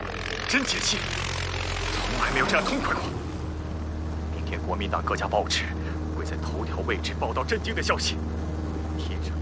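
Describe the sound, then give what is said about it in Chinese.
A Communist propeller airplane drones steadily and loudly throughout as it flies over enemy-held Kuomintang territory on a bombing run, a constant low hum with people talking over it in the foreground. “天上意外出现，共产党的飞机。”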